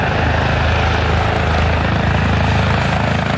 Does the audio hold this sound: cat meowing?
no